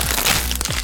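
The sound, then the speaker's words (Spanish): Loud, crisp crunching of Crunch brand tortilla chips, a product of Instamasa from Costa Rica. A quick run of sharp cracking bites is packed into under a second, with no talking. “Atrévete a probar el sabor único de Crunch, las tortillitas chips más crujientes, saludables y sabrosas.”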